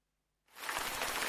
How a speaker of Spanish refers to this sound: La lluvia.